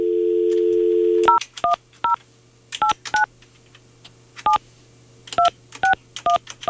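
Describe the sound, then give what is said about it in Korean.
A steady telephone dial tone hums briefly, then cuts to a quick run of about eleven clear touch-tone keypad beeps in uneven bursts with short pauses between them, as a phone call is dialed to a listener's daughter. No one speaks. “따님 제가 한번 전화 한번 해볼게요.”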